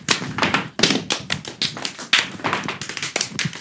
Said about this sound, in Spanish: ¡Pa! ¡Pum! ¡Raya! ¡Dímelo! Es el zapateo clásico.